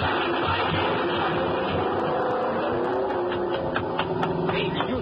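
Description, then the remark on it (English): A car engine roars loudly and steadily throughout as the car is driven right through the door of a garage, with a few brief clattering cracks scattered over the second half. No one speaks. “He drove right through the door of his garage.”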